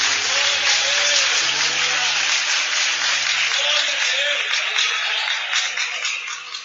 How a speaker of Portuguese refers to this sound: Aplauda o Senhor Jesus.